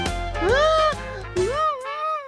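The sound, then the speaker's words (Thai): A baby kangaroo cries out twice, each a loud, high, wavering whine that rises and then bends downward, with a short gap between the two calls and no talking. “เอ๊ะนั่นเสียงอะไรกันน่ะอ้าวเสียงร้องไห้นี่นาแสดงว่ามีคนไม่สุขอยู่นะสิ”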